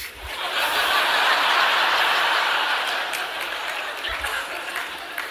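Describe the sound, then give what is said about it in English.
A crowd applauds steadily for several seconds, dense clapping that swells then slowly thins, with some laughter mixed in. “Now, I got a few claps on that, which I'm not asking for, but that's what excites men.”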